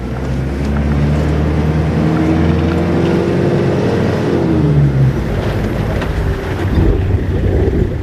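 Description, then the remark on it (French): A car engine drones steadily throughout, its pitch rising and falling slightly as it revs, with wind buffeting the microphone and no one speaking, as the car drives across the Djourab erg, a sea of sand. “Donc c'est une voiture qui va parler Coran, qui va parler arabe et français.”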